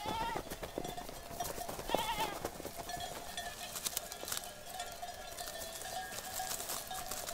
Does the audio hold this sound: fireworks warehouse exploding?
no